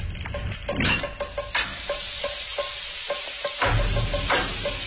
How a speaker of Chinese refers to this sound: 挤出内脏，洗净，放盐和醋腌制片刻，让鱼去腥入味。油烧至7-8成热，啪啪鱼下锅。